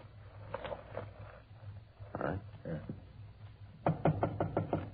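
Police officers knock on the door of apartment number 408, a quick run of about five or six sharp, hollow raps near the end, following quieter muffled thumps and shuffling with a steady low hum underneath.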